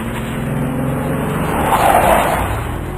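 A heavy truck loaded with stones comes round a bend in the road and rumbles closer with a strained engine drone, then its brakes let out a harsh, rising screech that swells loud for a moment before easing off as it jerks to a stop.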